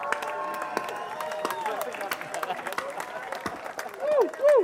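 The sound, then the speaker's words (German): An audience at a festival applauds steadily for several seconds, dense clapping mixed with crowd voices and cheering, ending with two rising-and-falling whoops over the claps. “Bitte einen riesengroßen Applaus an meine Kollegin.”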